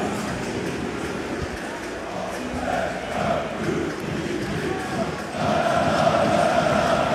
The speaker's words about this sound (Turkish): Tezahüratlar size kadar ulaşıyor mudur bilmiyorum ama galibiyeti, turu kutluyor Fenerbahçe.